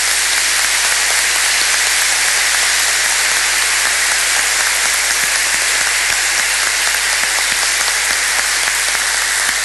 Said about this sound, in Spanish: Pues podemos hacer un aplauso, ¿sí?